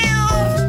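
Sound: cat meowing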